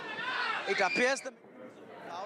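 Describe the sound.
A crowd cheers and shouts excitedly as Vijay leaves a residence after a meeting with the AIADMK rebel camp, many voices overlapping in a loud burst that peaks after about a second, then drops to a lower murmur of chatter.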